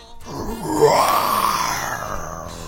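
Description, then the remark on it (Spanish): A person imitates a lion's roar with a hoarse, raspy growl, one sustained throaty blast lasting a couple of seconds, loud with no other talking. “Cubrió su cuerpo con arcilla dorada, pegó hojas secas alrededor de su cuello para imitar una gran melena y practicó un rugido ronco y ensordecedor.”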